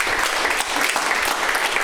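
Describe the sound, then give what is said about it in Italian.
A crowd claps steadily and continuously in encouragement for a guest on a live broadcast, a dense, even wash of many hands applauding together with no pauses, fairly loud throughout. “Facciamo un applauso di incoraggiamento.”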